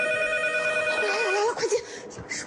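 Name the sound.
telephone ringing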